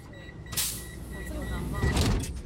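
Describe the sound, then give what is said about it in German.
A Vienna U-Bahn subway train pulls away from the station with a steady low rumble and a faint motor whine, broken by two bursts of airy hiss, as murmured voices linger underneath. “Auf der Rolltreppe geht's nach unten. Die U-Bahn fährt ab.”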